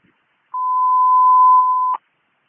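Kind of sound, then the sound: signal or alarm, dispatch radio alert tones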